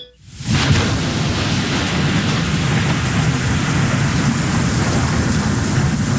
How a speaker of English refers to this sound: Wow, it's really coming down out there, man. It's raining cats and dogs.